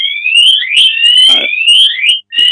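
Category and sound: signal or alarm, alarm going off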